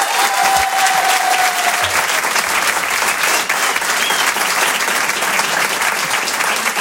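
audience applauding loudly

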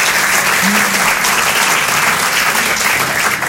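audience clapping hands

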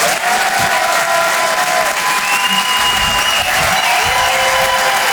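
audience applause and cheering

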